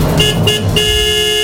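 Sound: car horn honking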